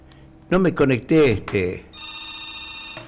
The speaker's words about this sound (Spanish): Y ahí está el celular, aprovecha el celular, ya está sonando ya.